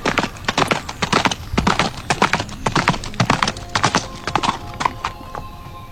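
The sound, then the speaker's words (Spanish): Horse hooves clip-clop in a steady, uneven rhythm of sharp hollow knocks, fairly loud, continuing throughout with no voices. “De hecho, hay quien dice que en las noches más oscuras todavía se escuchan esos cascos.”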